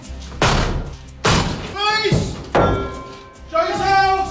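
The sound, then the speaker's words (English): Police officers force open the door of a property in Birmingham with four loud, booming slams about a second apart, each crack ringing briefly. Raised voices shout in between the blows. “I'm at a property right now where officers are preparing to force an entry.”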